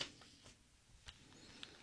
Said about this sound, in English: Yeah, you were shuffling your papers. I was shuffling my papers because I'm old.